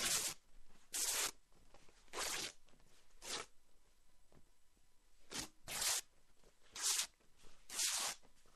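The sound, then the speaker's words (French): Cloth rags being torn into small pieces, with about eight short, harsh ripping bursts at an uneven pace, fairly loud, with quiet pauses in between and no talking. “faire des petits morceaux de chiffon.”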